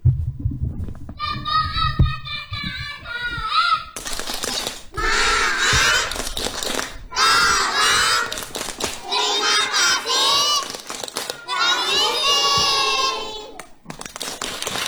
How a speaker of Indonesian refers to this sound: Ya, selanjutnya kita akan dihibur dengan sebuah permainan tepuk. Wah, penasaran kan? Ya, kita akan dihibur tepuk empat kata ajaib.